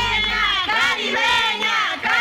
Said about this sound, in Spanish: Nos encontramos en el distrito de Santa Anita, Mercado Universal. Santa Anita con toda la línea, mami, una bulla.